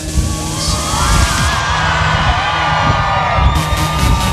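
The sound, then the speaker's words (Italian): A large crowd at a Frecce Tricolori air show in Policoro cheers and shouts to the pilots continuously, with many overlapping voices whooping and yelling in a loud, steady roar that never lets up, and a faint whining tone drifting underneath. “E ora che sono vicini, provate a farvi sentire!”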